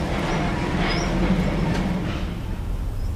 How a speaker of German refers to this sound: Inzwischen hat der Büchergott die Kisten mit der rettenden Lektüre in den LKW verfrachtet und macht sich auf den Weg.